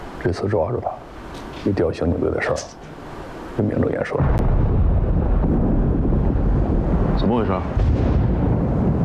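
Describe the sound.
Voices talk briefly, then a sudden deep blast from blasting during mining hits and rolls into a loud, sustained underground rumble that carries on to the end.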